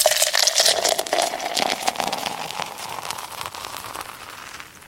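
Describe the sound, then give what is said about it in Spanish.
A beer bottle being opened for listeners, followed by a steady crackling fizz of carbonation that lasts several seconds and slowly softens, with no voices. “Oiga, voy a destaparles una para todos los que están ahí escuchando.”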